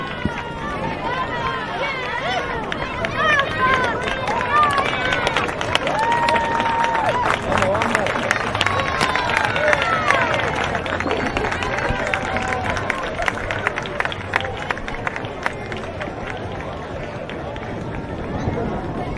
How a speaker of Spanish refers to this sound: escuchamos los aplausos del público al ganador de esta primera carrera de la tarde, este número 4 de Skyhawk.